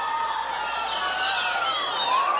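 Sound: audience applause and cheering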